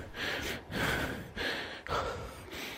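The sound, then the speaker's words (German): Heavy, loud huffing and panting after running, with quick breaths in and out, about five rough huffs in a steady rhythm, breathy like someone winded. No talking. “Als er dann endlich angekommen ist, schnaufte er ganz laut.”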